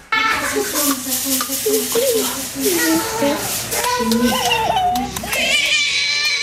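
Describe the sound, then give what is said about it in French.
A happy baby grabbing its feet and sucking its toes coos and babbles, a steady run of sing-song vocal sounds with rising and falling pitch, turning brighter and squealier toward the end. “Un bébé tout heureux d'attraper ses pieds, de sucer ses orteils, ce qui démontre une certaine souplesse qu'on n'aura pas forcément quelques années plus tard.”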